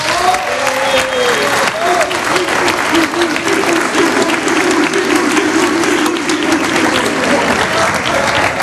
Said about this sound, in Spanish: Por favor, un aplauso para ellos.